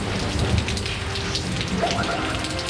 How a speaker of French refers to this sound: C'est à Limoges, dans les anciennes arènes romaines. Toute une foule s'est rassemblée pour entendre Antoine. Le sermon vient à peine de commencer, l'orage gronde menaçant et la pluie à sa suite.